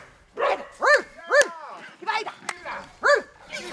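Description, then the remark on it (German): A dog trainer imitates a dog's barking to encourage a female hunting dog at fenced wild boars, giving a series of short, loud, harmonic woofs in an irregular rhythm, with brief pauses between the barks. “Das Bellen, das zu hören ist, kommt von Hundetrainerin”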